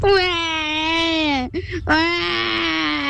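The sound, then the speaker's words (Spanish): A child's voice imitates a crying baby with two long, loud wailing cries, separated by a brief catching breath, the second cry wavering and trailing off. “hoy te voy a hacer el sonido del bebé llorando.”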